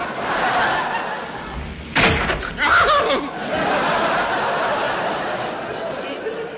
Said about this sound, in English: Old blood knock spaghetti sock silenced him. One good clout on von Guten's big steaming nut sufficed.